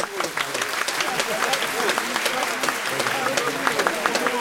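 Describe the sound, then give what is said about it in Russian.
A large crowd of students gives an ovation lasting several minutes, greeting a lecturer's appearance in the doorway: dense overlapping clapping fills the whole stretch at an even, loud level, with a murmur of voices blended underneath. “Овация продолжалась несколько минут”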